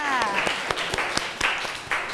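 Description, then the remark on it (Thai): A class breaks into applause for classmates from group 3, many hands clapping in a dense, steady patter with a few sharper claps standing out. Faint voices sound underneath at the start. “โอเคค่ะขอเสียงปรบมือให้เพื่อนจากกลุ่มที่3ค่ะ”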